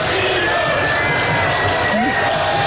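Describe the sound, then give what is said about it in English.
A large stadium crowd in Seattle roars and cheers steadily to honor the national soccer team manager, a dense, loud wash of voices with a few higher shouts and whistles rising above it throughout. “He was honored yesterday by the crowd.”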